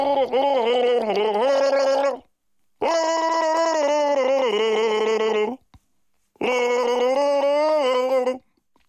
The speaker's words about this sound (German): Das NDR1 Radio MV Ostseewassergurgeln.